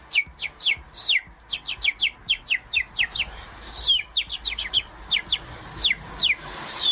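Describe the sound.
A radio listener calling in to a live morning show whistles an imitation of birdsong: quick, bright chirps and downward-sliding tweets repeated in a lively, steady stream, clear, with no talking.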